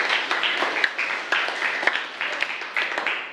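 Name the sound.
students clapping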